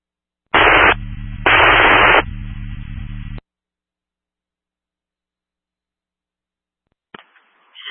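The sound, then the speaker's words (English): Two loud bursts of harsh radio static hiss on an emergency dispatch radio channel, each under a second, followed by a lower buzzing hum that cuts off abruptly, then silence and a faint brief crackle near the end. “static only.”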